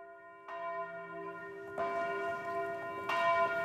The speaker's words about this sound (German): Noch keine 5 Minuten hatte die Glocke des Kapuzinerklosters zur Abendmesse geläutet, da war die Kirche schon vom dichten Gedränge der Gläubigen erfüllt.